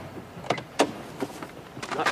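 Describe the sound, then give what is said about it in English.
A car door is opened as a man gets out of the car, with a series of short clunks and rattling knocks spread over a couple of seconds, followed by a busier shuffle of movement at the end. “He gets out of the car.”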